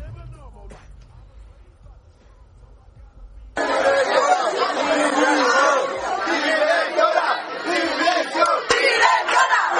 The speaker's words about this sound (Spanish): los estudiantes se han congregado en las puertas del centro y en las puertas del despacho gritando esto.